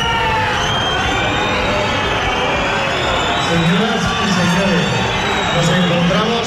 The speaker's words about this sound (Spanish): Y un lunes festivo porque es 12 de octubre y aunque en Navarra no tenemos la Castellana, tenemos la Avenida Galicia y tenemos también gritos contra la presidenta del Gobierno Foral.